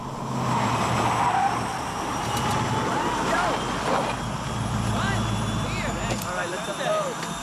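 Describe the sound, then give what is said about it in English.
A 4x4 rumbles steadily as it drives up toward a plane, its engine noise loud, blending with a constant aircraft drone and faint tire noise throughout. “the back of the 4x4 as it approaches the plane.”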